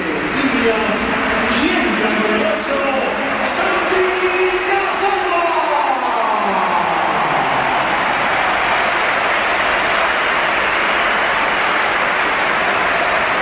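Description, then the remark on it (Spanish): A huge crowd at the Santiago Bernabéu stadium roars and applauds in a sustained, dense ovation for a Real Oviedo player, loud and continuous throughout, with waves of cheering voices rising over the steady clapping. “esta es la ovación que le ha dedicado el Bernabéu, que ha sido espectacular también cuando entraba el jugador del Oviedo.”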